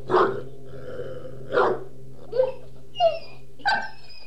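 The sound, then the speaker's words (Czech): A dog named Dingo lets out mournful, howling cries, five short wavering bursts spaced about a second apart, each rising and falling in pitch over a steady low hum, with no one speaking. “Nekoro asi zaslechl Dingovo žalostné vití.”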